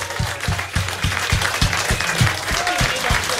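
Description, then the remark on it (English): A crowd at the Flying Nun Pub Quiz applauds the winning team, the Sally Army, loudly and continuously, a dense wash of clapping, with a steady low thumping pulse repeating about three times a second underneath. “Huge round of applause.”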